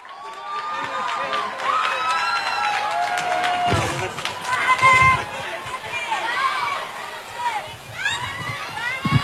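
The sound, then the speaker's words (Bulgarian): A large crowd in Sofia applauds and cheers to welcome the mayor of Varna, Kotev, steady clapping filling the whole stretch while many voices shout and whoop over it, the noise staying loud throughout. “Господин Котев, посрещнете го с аплодисменти.”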